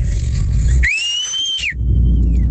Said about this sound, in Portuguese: Bom, Assobio. Fez um até eco, cara. Fez repete eco aí. Até. Pera aí, ó.